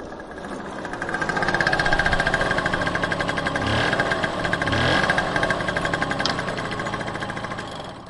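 A small two-stroke Vespa moped engine runs steadily, its rapid buzzing putter rising and falling slightly as the throttle shifts, with no voices.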